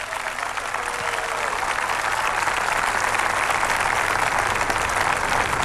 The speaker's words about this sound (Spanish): Aplausos en la intervención de este joven senegalés